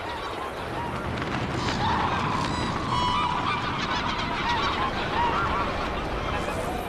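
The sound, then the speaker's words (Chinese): A large flock of migratory geese honks continuously on Chagan Lake in spring, many overlapping calls forming a dense, steady chorus over a broad outdoor wash, some birds louder than the rest. “今年飞来湖面的鸟儿似乎比往年更多，水源充足，食物丰富，大批珍稀候鸟在查干湖停留觅食。”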